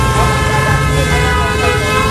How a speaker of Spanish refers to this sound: Esto suena a colapso total de tráfico. Esto suena, yo creo, a lo que todos queremos evitar mañana, ¿no?